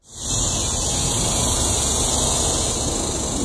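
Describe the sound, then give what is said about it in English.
A dense chorus of cicadas in summertime Texas fills the air with a loud, steady, high-pitched buzzing drone that swells in quickly and holds unbroken, with no voices present. “That, of course, is the rhythmic chatter of cicadas, a sound I am certainly very familiar with.”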